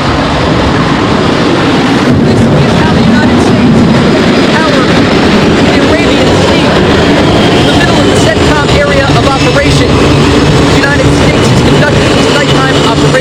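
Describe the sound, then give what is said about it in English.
An F/A-18 Super Hornet launches at night from the flight deck of the aircraft carrier USS George Washington: a loud, dense, unbroken roar of engine noise holds steady for the full length, thick with low rumble and hissing wash. “It's the middle of the night aboard the USS George Washington as the noisy flight deck is preparing to launch fighter jets into the dark abyss.”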